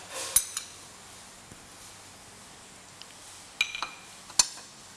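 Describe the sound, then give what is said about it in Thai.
Ham being added to a pot of soup once the water has come back to a boil: a few sharp metallic clinks of a utensil against the pot, spaced irregularly, over a faint steady simmering hiss, with no talking. “นี่ก็รอให้น้ำเดือดอีกครั้งหนึ่งเราก็ใส่แฮมนะคะใส่แฮมลงไป”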